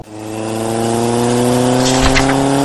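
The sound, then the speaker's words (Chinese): A motorcycle engine revs loudly, holding a steady droning pitch that builds slightly, with a brief rough surge of noise near the end. The motorcycle is on a winding mountain road on the Loess Plateau in China, late at night. “深夜，在黄土高坡的盘山路上，一辆摩托车突然失控，砰的一声，连人带车滚下3米陡坡。”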